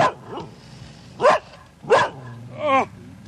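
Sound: dog barking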